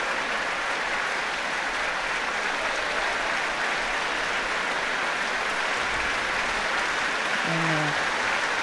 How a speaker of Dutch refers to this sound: Applaus nu ook voor klarinetisten … en …. En voor hoboïst ….